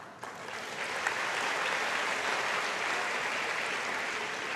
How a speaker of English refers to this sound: I know you will be clapping only for this.